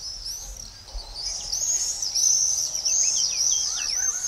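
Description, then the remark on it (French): Shrill, high-pitched screaming calls of common swifts ring out almost continuously, overlapping trills that swell louder midway and stay steady, with a faint low rumble beneath and no voices. “Le véritable super pouvoir du martinet noir, c'est le vol.”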